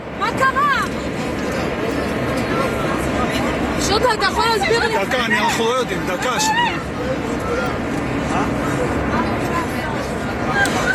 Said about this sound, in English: Well, the panic on board could be heard in videos filmed by passengers.